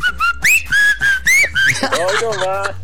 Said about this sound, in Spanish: Y si no se las chiflo.